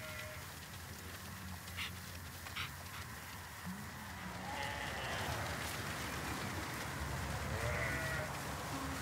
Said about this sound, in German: Und dann werden die Schafe zu ihrem neuen Platz gebracht. Dieses ganze Gras hier muss gekürzt werden. Und deshalb ziehen sie weg von dem einen Fleck zum nächsten.